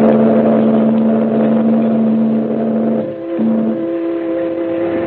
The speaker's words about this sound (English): The man grabs the package, and the little launch moves away and heads up the coast as the liner churns off up the harbor.